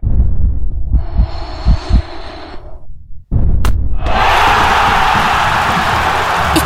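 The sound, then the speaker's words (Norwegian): A dense, hissing roar of a football crowd at Åråsen stadium, in stoppage time with the score 1-1, swells and holds, broken by a brief hush, then surges back loud and sustained as a penalty is given, with low thumps underneath early on. “Vi på overtid, stillingen 1-1, Åråsen koker.”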